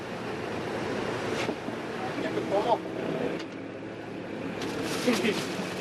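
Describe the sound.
Rough sea surf and wind noise wash around a crab-fishing boat as high waves rock it, a steady loud roar with surging swells and occasional knocks, while voices talk faintly underneath.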